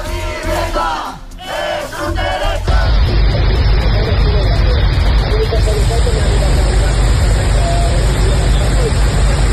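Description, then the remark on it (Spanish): After a couple of seconds of raised voices, a torrential downpour in Catalonia, Spain, during a Mediterranean storm takes over: a loud, dense, steady roar of pounding rain, over 200 litres per square metre in a few hours, that continues unbroken to the end. “Será el sonido de la tromba de agua que ha caído en Cataluña.”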